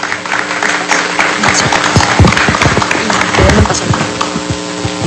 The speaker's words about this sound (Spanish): Fuerte aplauso para todos nuestros participantes en Alta Cocina.